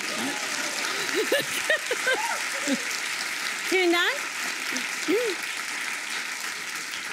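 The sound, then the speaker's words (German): Steady audience applause fills the whole clip, a dense, even wash of clapping that holds its level throughout while a man speaks briefly over it. “Applaus.”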